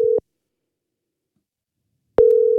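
A telephone ringback tone heard while a radio host places a call to the day's prize winner: a steady single-pitched beep ends, a couple of seconds of silence pass, then the next tone begins, clear and alone with no voices.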